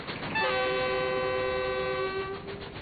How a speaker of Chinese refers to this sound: 妈，火车为啥能跑这么快？ 这是蒸汽机车，是靠蒸汽带动的，蒸汽把那个活塞啊推来推去，轮子就转了。